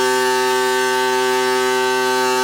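A loud, steady, high-pitched droning tone, like a ship's horn, from pile-driving equipment vibrating piles into the ground near Urk, Netherlands, using a technique from Canada. It holds one unbroken pitch without any rhythm or pause.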